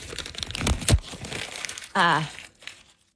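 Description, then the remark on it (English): A paper sheet crinkles and crunches as it is crumpled and tossed for a couple of seconds, a dense crackling burst with a sharp rustle near the end as it is ripped, followed by a short drawn-out vocal sound. “Oh, crumpling of the sheet. Tossing. Oh, then there's ripping going on.”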